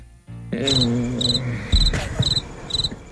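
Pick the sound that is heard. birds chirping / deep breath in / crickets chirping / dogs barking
crickets chirping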